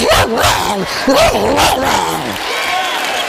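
A little puppy at a door yips and whines several times in quick succession, high-pitched, the pitch sliding up and down before trailing off into quiet.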